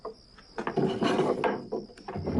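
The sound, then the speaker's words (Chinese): A few soft, irregular knocks on the wooden door of Li Yunlong's room at night, at lights-out time, dull and light, set against a steady thin high-pitched whine like crickets and a constant low background hum. “这不到了熄灯该睡觉的时候了，李云龙的屋外却传来了轻轻的敲门声。”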